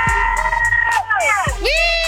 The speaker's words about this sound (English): Oh, this will sound really good then. Everybody scream and yell.